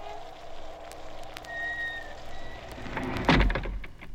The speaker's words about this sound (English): The door closed. I can't get it open.